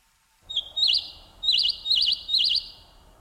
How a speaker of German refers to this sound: Vögel zwitscherten und Gras kitzelte in Ludwigs Nase.